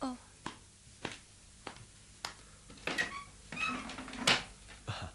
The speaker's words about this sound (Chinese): 等我开门睇下。